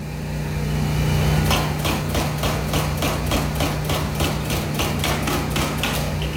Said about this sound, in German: Eine der vielen Baustellen in der Innenstadt von Reykjavik. Eine Straße ist aufgerissen, es werden neue Leitungen verlegt.